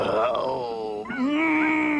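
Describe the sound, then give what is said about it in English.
Tintin's dog Snowy howls in a long, drawn-out wail, its pitch sliding down and then rising again. The howl is loud and continuous, with no talking over it. “Listen, that howling, it's Snowy.”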